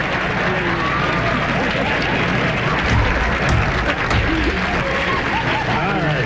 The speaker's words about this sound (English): Listen to it. This laughter and applause lasts like a minute.